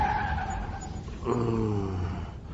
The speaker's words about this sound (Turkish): Tüh, Allah kahretsin, bir bu eksikti. Bir şey mi oldu? Ne olacak, lastik patladı. Allah'tan yol boş, gelen giden yok. Şöyle yavaşça sağa çekip durdu.